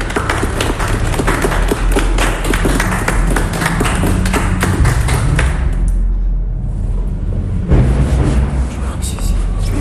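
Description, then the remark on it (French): A group applauds loudly, a dense stretch of rapid clapping that thins out briefly before picking up again near the end, with some voices murmuring underneath, as everyone present applauds to thank someone. “Ils applaudissent tous”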